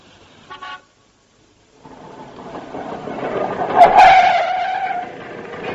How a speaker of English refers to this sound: Voulez-vous like to hop on the back of this scooter and live it up a bit?